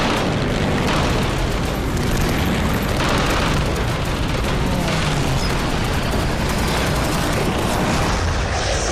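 A Japanese enemy plane is shot down and explodes: a loud, continuous roaring rumble with dense crackling bursts that fills the whole stretch without letup, and no voices.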